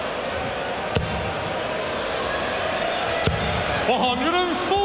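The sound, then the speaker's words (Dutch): A packed darts crowd in Blackpool roars steadily, broken by two sharp thuds, before loud massed voices swell into a rowdy, crude sung chant about the Argentine team toward the end. “En jouw mening over de Argentijnse ploeg wordt gedeeld door een heel groot deel van het publiek in Blackpool, horen we. Ze verwoorden het alleen net iets lomper.”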